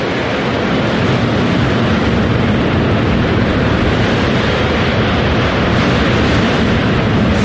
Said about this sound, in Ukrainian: Це тут авіацію підняли в небо, тобто, вибачте, на хвилинку ми припинили.